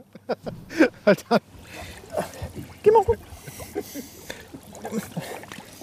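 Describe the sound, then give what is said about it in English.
A small boat sloshes and scrapes through shallow, very muddy water of a sewage treatment pond in a series of uneven pushes and splashes, with brief voices mixed in. “Hold on to the boat.”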